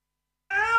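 A single cat meow starts abruptly after a short silence, a clear, tonal cry with rich harmonics that holds steady before being cut off.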